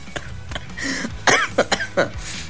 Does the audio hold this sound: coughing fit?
yes